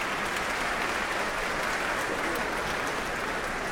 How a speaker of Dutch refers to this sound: Een applaus ook van de muzici van het Concertgebouworkest. Even zwaaien naar het publiek. Halverwege de trap hier in het Concertgebouw.